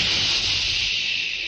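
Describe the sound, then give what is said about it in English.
A jet of fresh moisture sprays with a steady, loud, bright, high-pitched hiss, streaming continuously for over a second without pause, with no voices; it stands for the new moisturized Raleigh 903 cigarette. “That jet of fresh, pure moisture stands for the new, all-new Raleigh 903 cigarette.”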